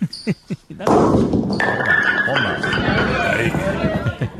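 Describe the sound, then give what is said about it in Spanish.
A few quick hollow knocks lead into a loud burst of clattering wooden pins as a thrower knocks down 6 or 7 pins at a bolos rodados championship run by a local festival committee, followed by a sustained wash of crowd noise, applause and cheering voices that carries on to the end. “Este tiró 6 o 7 bolos.”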